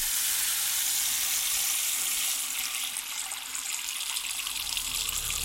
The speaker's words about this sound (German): Deinen Kopf, aufgepolstert von der Heizungsluft, hältst du unter den Wasserhahn, pappst die Haare fest, streichst das Hemd glatt.